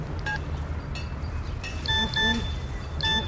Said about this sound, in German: Was? Eine SMS?